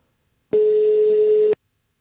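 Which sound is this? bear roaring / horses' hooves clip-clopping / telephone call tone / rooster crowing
telephone call tone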